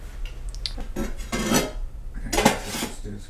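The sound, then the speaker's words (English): Nigella (black cumin) seeds crackle and sizzle in hot oil with a steady frying hiss, broken by two louder bursts of scraping and clinking from a utensil against the pan. No one speaks. “And so I'm going to let that fry a bit. Yeah, just let this sizzle a bit.”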